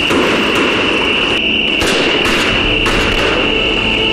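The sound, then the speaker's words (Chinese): Several sharp gunshots crack out at irregular intervals over a steady, dense background hiss, with one or two shots coming in quick succession. No one speaks. “交通员同志，这个枪声也是我们交通员同志为幸运走的吧？”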